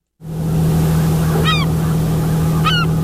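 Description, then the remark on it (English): A steady low engine drone of lobster boats idling on the water of Johnson Cove on Passamaquoddy Bay at sunrise on a placid summer morning, with two short, stacked seabird calls ringing out a moment apart above it. “The sunrise over Johnson Cove shines down on lobster boats and seabirds starting their day.”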